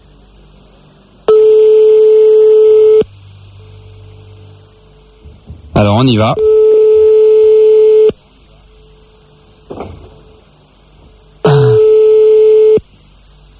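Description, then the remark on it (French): A phone line rings out on an outgoing call with three long, steady buzzing ringback tones, evenly spaced with quiet gaps between them; a brief voice and a few clicks fall in the pauses. “On appelle des monsieur et madame la cloche.”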